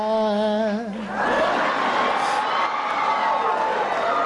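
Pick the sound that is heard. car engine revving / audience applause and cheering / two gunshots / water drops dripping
audience applause and cheering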